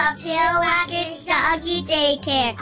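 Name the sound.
dog barking and whimpering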